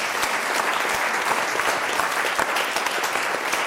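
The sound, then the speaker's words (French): An audience claps steadily and loudly for several seconds for a woman in the audience who answered a quiz question correctly, a dense wash of overlapping handclaps with sharper individual claps popping through, no voices rising above it. “Bravo, madame! Ah, bravo, ben on l'applaudit, oui. On applaudit, madame.”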